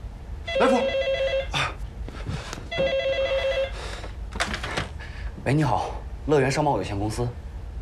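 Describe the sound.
A telephone bell rings twice in loud, rattling bursts with a pause between, followed by people talking as the call is answered at Leyuan Trading Co., Ltd.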